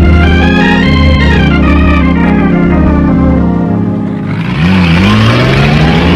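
Loud truck engines rev hard and roar steadily, pitch climbing and falling as two trucks race each other on a hilly road, with a brief dip before the engines surge again.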